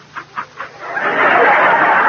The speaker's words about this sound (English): As we look in on them now, she has just started a barrage of toast munching. It's a war of nerves.